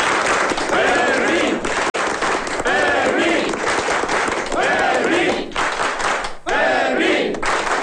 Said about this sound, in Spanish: En cualquier caso, yo pido un aplauso muy grande para el guardia Fermín.